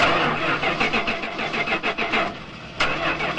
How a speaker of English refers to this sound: Oh, this is so frustrating. That's the 5th time this car refused to start. I think it's finally time to replace it.